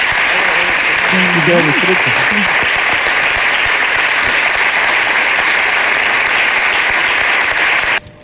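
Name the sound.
theatre audience applause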